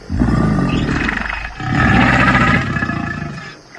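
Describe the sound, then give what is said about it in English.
An alligator growls in two long, loud bursts, each a deep, rough rumble with a gritty, vibrating texture, separated by a brief pause. No one speaks. “Gators definitely know how to growl.”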